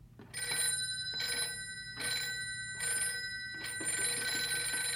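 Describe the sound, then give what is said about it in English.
A telephone bell rings in repeated bursts, about four short metallic trills in steady rhythm, clear with no one speaking. “Oh, that must be Ted. He said he'd phone if they found anything.”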